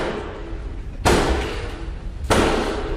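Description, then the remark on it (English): Two heavy, deliberate knocks by Black Rod on the doors of the House of Commons chamber in Westminster, summoning MPs to the King's Speech, spaced just over a second apart, each ringing out with a long echo, with no talking. “It's Black Rod's most famous gig, banging on the Commons' doors.”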